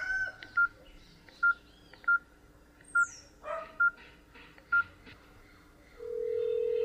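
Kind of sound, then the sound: signal or alarm, phone keypad dialing tones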